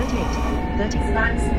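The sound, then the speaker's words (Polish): Steady low rumble of a train in motion as its automatic emergency brakes (Zwangsbremsung) engage by themselves, with a faint tonal whine and a brief higher-pitched warning tone rising over the continuous mechanical drone. “I się same hamulce włączyły. Tak, i tutaj mówi nam ciągle Zwangsbremsung, czyli wypał właśnie hamulec.”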